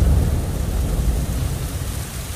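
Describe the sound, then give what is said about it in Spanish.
A thunderstorm with steady, heavy rain hissing across the whole span and a deep, rolling rumble of thunder low underneath, loudest at the start and easing slightly toward the end. “Tápate que va a llover.”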